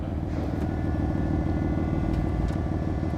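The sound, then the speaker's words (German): A car engine runs at a steady, fast idle after a cold start, a loud, deep throbbing rumble with faint higher whine, holding even throughout with no talking. “Schon dieser Kaltstart von dem Auto, das ist schon mal sehr, sehr geil.”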